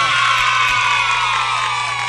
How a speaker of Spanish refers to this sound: Aplausito para toda esa gente que está escuchando Radio Caricia.